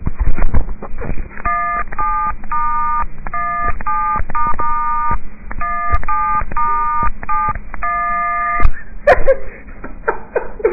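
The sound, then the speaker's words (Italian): A famous cover song tapped out on mobile phone keypad tones: a quick run of short, bright beeps in a melodic rhythm, sounding slightly tinny and filtered, with some rustling and clicks underneath and toward the end. “Mi dicono di fare una cover famosa col cellulare, adesso Shine ci suonerà una cover famosa.”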